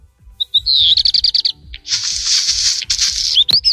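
songbird song with crackling

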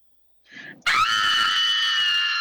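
person screaming in terror

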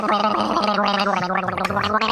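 person gargling

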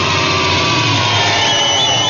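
sewing machine running

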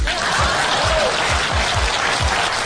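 clapping

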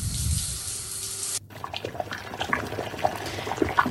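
running water

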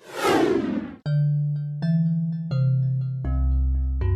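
bells ringing

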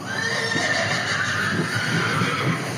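upset horse whinnying

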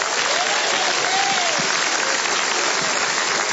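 audience applauding

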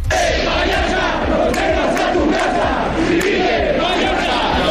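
crowd shouting protest chants

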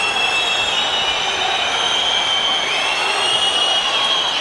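stadium crowd whistling

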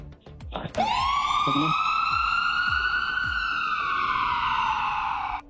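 ambulance siren

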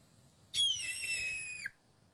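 red-tailed hawk call

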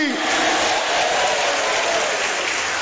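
audience applauding

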